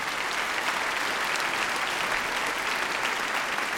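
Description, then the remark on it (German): Steady, dense audience applause for the trumpet players as they come in, many hands clapping at once, a continuous bright patter that holds at an even, fairly loud level throughout, with no voices standing out. “Genau, ein Applaus für unsere Trompeten, die jetzt auch reinkommen dürfen.”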